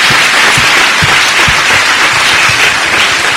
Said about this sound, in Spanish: Cierre sus ojos ahora, vamos a orar. Vamos a permitir ese aplausote para el Señor, pues vamos. Gloria a Dios.